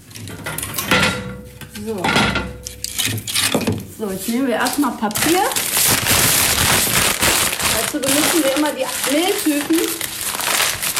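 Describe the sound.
Close, crackly crumpling of paper and rough tearing of cardboard continue in irregular bursts, with people talking over the rustling for most of the time.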